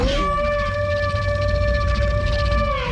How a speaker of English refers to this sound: got the sandhill crane, the Bulger crane. Pitch shifting it down, adding more layers to it. So it seems like it's not just, oh, we're listening to a small bird somewhere, but actually this, you can hear it being a much larger animal.